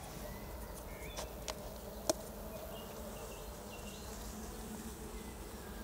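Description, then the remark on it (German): A dense, steady hum of about 50 grams of honeybees buzzing inside a jar, dusted with sugar to test them for mite infestation, continuous, with a few faint taps and one sharp click partway through. No one speaks. “Bezogen auf diese 50 Gramm Bienen wissen wir dann, wie stark der Befall ist.”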